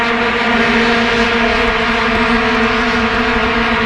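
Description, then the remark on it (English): A dense, droning blare of many vuvuzela horns buzzing at once, a loud continuous monotone with steady harmonic layers and no pauses, no voices over it. “And I just read that FIFA has banned vuvuzelas from the World Cup this year.”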